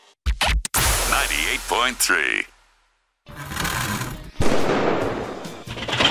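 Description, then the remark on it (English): A few sharp, loud bangs from an HVAC system's furnace ring out in quick succession, then a harsh mechanical buzzing hums and rattles, cuts off briefly, and returns as a steady noisy drone. “Did you hear that? Loud bang, then buzzing. Relax. It's not a ghost. It's your HVAC system.”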